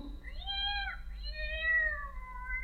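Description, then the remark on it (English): A cat meows twice, a short rising-and-falling mew followed by a longer, drawn-out wail, over a steady low background hum. “Not being a cat, I don't know if that means yes or no.”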